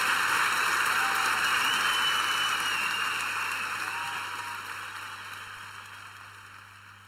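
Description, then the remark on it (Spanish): An audience claps in a dense, steady roar of applause with no voices, the clapping slowly tapering off and growing fainter over about seven seconds. “aplauso para estos dos grandes.”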